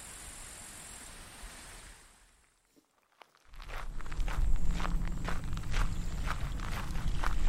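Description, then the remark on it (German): Footsteps crunch steadily outdoors as people walk on toward a stream, starting after a brief quiet pause and continuing in a regular walking rhythm, over a constant rushing water-like background. “Lass uns weiter zum Bach gehen und dort nach Spuren suchen.”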